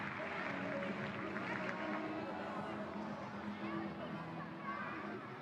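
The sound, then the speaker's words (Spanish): A large crowd at a show jumping arena claps steadily and loudly to cheer on a rider before the round with the horse Dourados, a dense, continuous wash of applause mixed with murmuring voices that holds for the whole stretch. “animándole con un fuerte aplauso antes de arrancar el recorrido con Dourados.”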